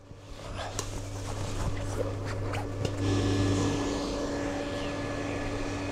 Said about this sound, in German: Gut, das ist schon so konstruiert, dass der Ventilator die ganze Zeit laufen muss. Ja, und auch ganz schön laut ist die ganze Zeit.